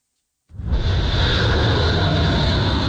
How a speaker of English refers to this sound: One jet after another takes off from U.S. carriers near the Persian Gulf on bombing runs targeting Iran, hitting military targets, says Washington, but also destroying civilian infrastructure like bridges, according to video on Iranian TV.